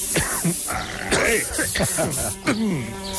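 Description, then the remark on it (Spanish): Several short hissing bursts of aerosol insecticide spray aimed at a fly, broken up between a man's steady talking that continues over and around them. “Ojo, parece que no se muere, no se muere la mosca.”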